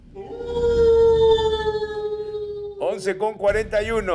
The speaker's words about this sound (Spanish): Correcto, incorrecto, y lo celebra el lobo. Aúlla el lobo.